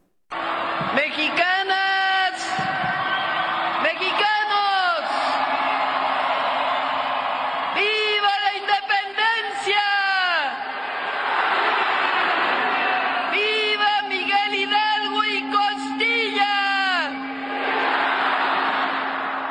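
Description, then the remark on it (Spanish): A massive crowd of more than 180,000 people in the Zócalo of Mexico City roars during the traditional independence cry, in several loud waves of shouting and whooping, rising and falling over a constant dense murmur, with a faint steady hum running underneath. “al balcón central del Palacio Nacional con la bandera mexicana para dar el tradicional grito en conmemoración del 216 aniversario del inicio de la lucha por la independencia de México, ante más de 180,000 personas en un desbordado Zócalo capitalino.”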